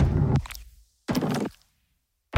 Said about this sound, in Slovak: No nebudeme sa hrať teraz na hádanky, že o čo presne ide, lebo deň guličkového pera je dnes. A takto znie úplne, že ASMR guličkové pero.